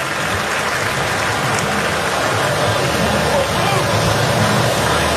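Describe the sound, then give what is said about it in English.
A baseball stadium crowd applauds and cheers for umpire Jansen Visconti as he stays on behind the plate after being hit in the mask by a foul ball: a dense, steady wash of clapping that holds at full strength for the whole stretch, with voices mixed into the roar. “And a deserved applause. Fans cheering for an umpire.”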